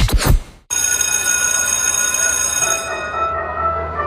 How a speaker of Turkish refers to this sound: Oh, ne güzel çalıyor değil mi? Ya... İnsanın içine huzur veriyor. Anne babaların bu ara en sevdiği parça okul zili.